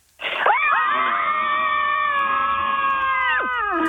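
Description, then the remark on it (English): Several women scream together, letting it all out for the Scream Club segment on Sydney radio station Nova 96.9, in one long, loud, sustained shriek, their high voices overlapping and holding for a few seconds before a couple of them waver and drop off at the end. “Girls, on the count of three, let it all out. 3, 2, 1, go.”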